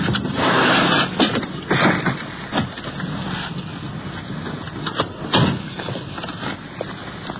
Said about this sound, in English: Should be up here in the next block, I believe. Yeah, there they are. The radio car is pulling up. We're sliding in behind.